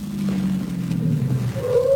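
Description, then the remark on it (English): A car engine hums and winds down as the vehicle slows, ending in a brief high squeal like brakes as it comes to a stop in front. “Car stopping in front.”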